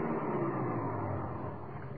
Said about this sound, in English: In about an hour and a half, the lights of the little border village came into view. I ran the car into a clump of bushes and parked her there.